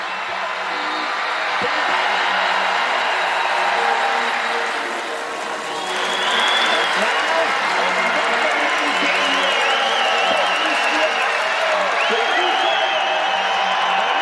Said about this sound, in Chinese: 整个雪谷都准备为优秀的选手们欢呼。